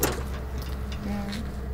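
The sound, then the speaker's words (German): A heavy cargo door on a truck is opened after its hatch, the door being under pressure, with a steady low rumble throughout and a brief metallic squeal of the hinge or latch partway through. “Du musst erst die Luke aufmachen. Wenn du nämlich die Tür aufmachst, dann ist Druck drauf.”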